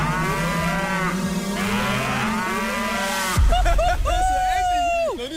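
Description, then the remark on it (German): A cow named Maya lows loudly on a pasture, with long, drawn-out moos that rise and fall in pitch, against a faint open-air background. “Leute, unsere Kuh Maya hat gerade vor 10 Sekunden gekackt auf die Weide vor uns.”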